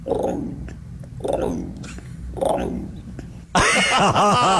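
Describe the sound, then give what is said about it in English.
A person imitates an emu call: three low, throaty booming grunts in a steady rhythm, then an abrupt switch to a loud, harsh, wavering vocal sound that fills the last second. “Oh, yeah, give us an emu.”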